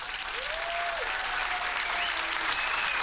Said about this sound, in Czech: Tak potlesk pro našeho výherce týdenního.